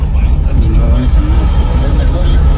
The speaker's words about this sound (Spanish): Porque lo que vemos es allí un tráfico vehicular. Es lo único que observamos.